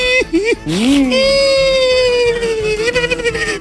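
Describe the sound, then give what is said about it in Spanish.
A voice imitates a small boy crying: a loud, wavering wail with a few short sobbing catches at the start, then one long drawn-out bawl that trembles toward the end. “Oiga, entonces estaba el peladito llorando.”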